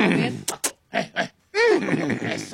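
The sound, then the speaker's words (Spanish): A man imitates a trained horse from a horse show act with his voice: a few short snorting grunts, then a loud, wavering neigh that trails off into rough breathy sounds. “Y aquí tengo a uno de mis caballos amestrados.”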